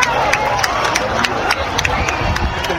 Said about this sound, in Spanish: Después, un minutito después, a las 8:32, llegaba esa fase, ese final de la fase total, y regresaron otra vez los aplausos, los vítores. ¡Guau!